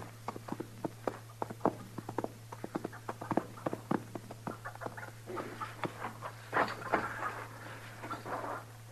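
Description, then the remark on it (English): A quick, uneven patter of horse hooves clip-clopping on hard ground, several beats overlapping as if more than one horse is moving off, over a steady low hum. “Your horse is scattered away.”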